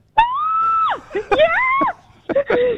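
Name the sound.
excited screaming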